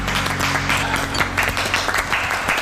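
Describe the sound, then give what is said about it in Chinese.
A steady burst of applause from a group, dense overlapping claps filling the whole moment at an even, lively level, with no voices standing out. “为自己刚才的精彩表现 鼓掌， 鼓掌。”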